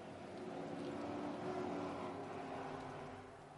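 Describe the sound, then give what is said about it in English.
A steady, throaty roar of V8 engines from Mustang race cars at the green-flag start of a Mustang Challenge North America race, several engines droning together at a loud, sustained pitch before easing off slightly at the end. “And there are the sound of the V8s.”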